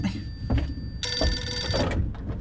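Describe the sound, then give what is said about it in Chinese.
A telephone rings once, a loud, bright electronic trill lasting under a second, over a low background rumble of household noise with no one speaking. “我先去接电话。”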